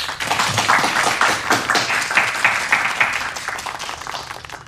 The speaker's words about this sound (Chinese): 让我们大家为这二位同志鼓鼓掌。